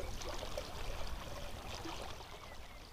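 Water pours steadily over ice cubes and coffee grounds in a demonstration of glacier meltwater, with the ice cubes standing for a melting glacier: a continuous trickling, splashing wash with faint clinks, fairly quiet and unbroken for the full three seconds, with no voices.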